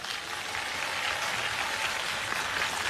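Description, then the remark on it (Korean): A large audience at a 70th-anniversary Yeongnam regional evangelism rally applauds in thanks to God on a clear day, a dense, continuous wash of clapping from many hands that fills the whole moment at an even, moderately loud level, with no voices heard. “성도 여러분, 오늘 미세먼지 하나도 없이 이렇게 맑고 아름다운 날씨를 허락하신 우리 하나님께 감사의 박수를 올립시다.”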